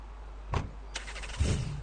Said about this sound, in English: I'm on my way, trust me. I'm getting into the car right now. Okay, I'll find you.